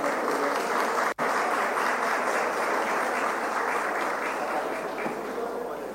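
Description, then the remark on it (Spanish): A sustained round of audience applause welcoming Jorge Srull, CAF regional manager, onto the stage for the first panel, dense, steady clapping filling the whole stretch at a fairly even level, with a brief dropout near the start and a slight fade toward the end. “Un fuerte aplauso para recibir al señor Jorge Srull, que nos va a estar de este primer panel.”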